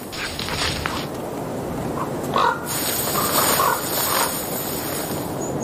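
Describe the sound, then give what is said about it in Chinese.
A few harsh, raspy calls from a goshawk mother and young perched high in the crown of a pine tree ring out in short bursts, over a steady outdoor hiss of wind through trees. No one speaks. “苍鹰母子待在一棵松树高高的树冠上，这里暂时比较安全。”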